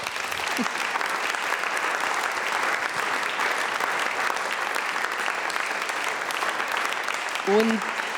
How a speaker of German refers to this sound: Einen Applaus für Thomas Doss.